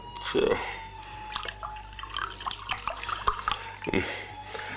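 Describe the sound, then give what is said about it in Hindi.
Water is poured for someone to drink and trickles in short splashes and drips, with light clinks of a vessel and a faint voice, at moderate volume. “अबू जी आप उठिए, ये लीजिए, ये लीजिए अबू, ये पानी पी लीजिए।”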